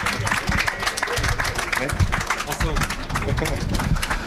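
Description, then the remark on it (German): A steady burst of audience applause, dense overlapping claps filling the whole clip at a fairly loud, even level, with some voices mixed in underneath. “Ja, Applaus, Applaus, Applaus, Applaus.”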